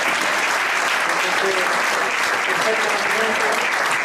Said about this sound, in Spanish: Así que me gustaría que le diéramos un aplauso.